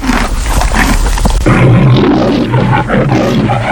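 A lion roars loudly, a deep, rumbling growl that swells and sustains for several seconds with raspy, breathy surges and no voices.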